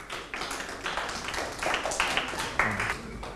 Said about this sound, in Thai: ตอบถูกปรบมือให้เพื่อนครับ